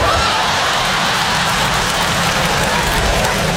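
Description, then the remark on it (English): An audience applauds steadily for a few seconds at the mention of organ donors, a dense, even crackle of many hands clapping at constant loudness, with no voices standing out. “I'm glad some of y'all applauded when I said organ donor, because I don't understand why more people are not organ donors.”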